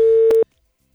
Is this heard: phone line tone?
yes